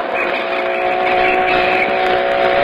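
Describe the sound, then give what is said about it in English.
A car engine roars steadily as the car is driven at about 80, a loud, continuous droning hum with a buzzy whine on top that holds constant throughout, unbroken, with no voices. “Step on it. I'm going 80 now.”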